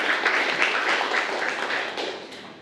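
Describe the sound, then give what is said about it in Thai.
A group of students in a classroom claps together for a classmate who has just answered the teacher's science question, a dense, steady burst of applause with no talking, holding for a couple of seconds before thinning and fading at the end. “โอเคดีมากเลยครับนักเรียนปรบมือให้เพื่อนเลยนะครับ”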